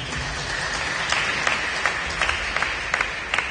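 An audience claps in steady applause for the Holy Gospel, a dense patter of many hands with a few sharper claps standing out at irregular moments throughout.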